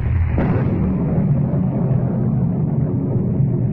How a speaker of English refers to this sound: Miss Kent, listen, that hailstorm is still going on. Never mind the hailstorm, Miss Lane.